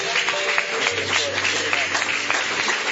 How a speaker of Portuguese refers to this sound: Mais forte as palmas para Jesus, igreja!